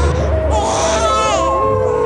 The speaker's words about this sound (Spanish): ¡Sigan el rastro del llanto de mi hijo! ¡Se escucha muy cerca!